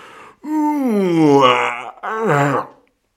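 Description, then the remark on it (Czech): A voice imitates a huge, drawn-out yawn: one long groaning breath that rises and sinks, followed by a shorter second yawn, loud with no talking. “Zívl obr, vstal a protáhl se.”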